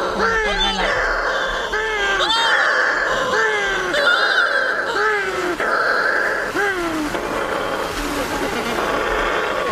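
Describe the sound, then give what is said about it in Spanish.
Shearwaters calling at their colony at night, in total darkness after the moon sets, as they come in to the nests. A run of about eight loud, wailing, cat-like cries rises and falls in pitch, repeating steadily over a constant hiss of background noise. “Cuando se pone la luna, en la oscuridad total, cuando no hay luz, para que las gaviotas no encuentren los nidos, es cuando entran las pardelas.”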